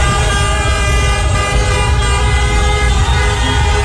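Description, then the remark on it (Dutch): Many car horns honk continuously over one another in a dense, loud wash, with traffic rumbling underneath, as Cape Verdeans in Rotterdam celebrate their team's 2-2 World Cup draw against Uruguay. “Dus getoeter in Rotterdam.”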